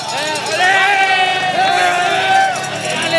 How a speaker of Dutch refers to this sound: Luister eens naar het volk hier op de flanken van die iconische Alpe d'Huez.